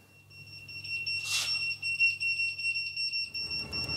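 A shrill electronic alarm tone, the call-out alert of the Brinkum volunteer fire brigade for a reported house fire, sounds steadily and loudly, with a faint pulsing warble on top, joined near the end by a low rumbling noise like an engine or movement.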